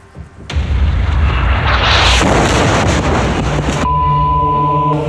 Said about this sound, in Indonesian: mengalami luka setelah ledakan dahsyat menghantam area di Al-Faqwa, Nabatih, Lebanon Selatan pada 6 September lalu.